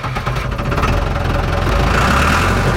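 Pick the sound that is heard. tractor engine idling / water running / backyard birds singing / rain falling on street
tractor engine idling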